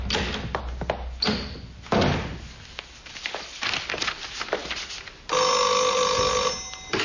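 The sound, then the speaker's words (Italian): A telephone rings with an international call for the professor: a bright, steady electronic trill in the final seconds, following a stretch of door thuds, footsteps and shuffling movement. “Professore, c'è un internazionale per lei”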